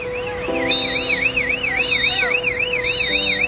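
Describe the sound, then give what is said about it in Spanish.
An evacuation alarm at the Costa Grande condominiums in La Guaira, Venezuela, warning staff that the building was becoming unstable, wails loudly and continuously, a rapid rising-and-falling electronic warble over steady droning tones, with shrill higher bursts repeating about once a second. No one speaks. “como ocurrió en los condominios Costa Grande en La Guaira, donde sonó la alarma para advertir al personal de Costa Rica que el edificio estaba presentando problemas de inestabilidad.”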